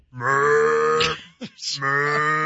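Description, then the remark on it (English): A person loudly imitates a cow's full moo call in an aggressive way, giving two long, strained, harmonic bellows separated by a brief breathy gasp, forceful throughout. “So you're doing a very aggressive cow sound.”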